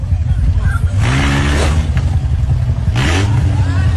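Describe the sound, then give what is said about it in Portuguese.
A red car's engine in Belo Horizonte rumbles and revs up twice as the driver, surrounded by motorcyclists, tries to accelerate, rising in pitch with each push of the throttle, over a steady low drone, with a voice briefly audible in the background. “O carro é cercado, ele tenta acelerar e leva um soco de um dos motoqueiros.”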